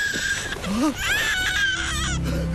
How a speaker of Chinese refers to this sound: 刚才我们听见路边草丛里有婴儿哭，还以为是这里的老乡丢下的，就捡起来了，正准备送到卫生队去呢。